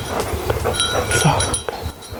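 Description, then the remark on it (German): A small bell on a dog jingles in quick, steady bursts as the dog runs toward the listeners after a search-and-help command, with bright metallic tinkles over soft rhythmic thumps of movement and no voices. “Jetzt hört man schon am Glöckchen, dass er kommt.”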